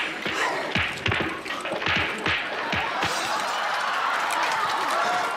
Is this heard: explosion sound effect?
yes